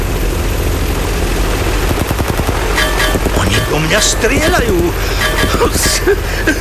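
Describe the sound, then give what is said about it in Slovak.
The heavy, steady rotor roar of Mi-24 helicopters fills the scene while rapid bursts of machine-gun fire, aimed at a small Piper airplane from both sides, rattle loudly through it, with a voice briefly speaking over the din. “Oni do mňa fakt strieľajú!”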